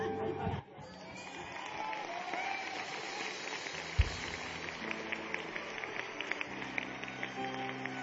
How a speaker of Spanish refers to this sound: Denle un mejor aplauso al Señor.